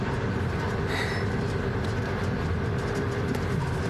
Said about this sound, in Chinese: 这火车开得可真快。